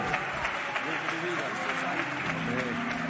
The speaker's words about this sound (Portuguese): Que maravilha, recebamos o servo de Deus com palmas bem forte, bem alegre para Cristo.